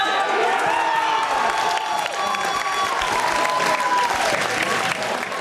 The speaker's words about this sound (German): Großer Jubel bei den Fans der Spielgemeinschaft Fronhofen-Fleischwangen.